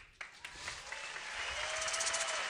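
An audience breaks into applause, the clapping building quickly into a dense, sustained roar of many hands with a few whoops rising above it.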